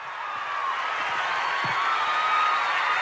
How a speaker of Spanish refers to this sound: Fuerte el aplauso.